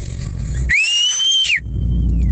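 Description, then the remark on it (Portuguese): A single loud, sustained human whistle made without fingers, by a person in Jaraguá, on a steady high pitch, rising at the start and dipping at the end, followed by a faint echoing tail over a rumbling background. “Bom, Assobio. Fez um até eco, cara.”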